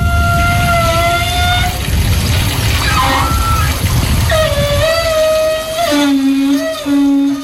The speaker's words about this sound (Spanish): Para mí es una ducha del cuerpo de la playa de las Canteras.